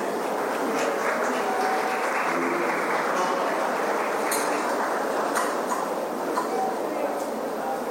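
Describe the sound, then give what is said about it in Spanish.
Sustained applause from a large crowd bidding farewell to the President of the Republic, Santiago Peña Palacios, at an event in the capital, a steady dense patter of clapping with scattered voices and faint clinks mixed in, holding an even loudness throughout. “Ahora sí, de esta manera y con un fuerte aplauso, despedimos al señor presidente de la República, Santiago Peña Palacios.”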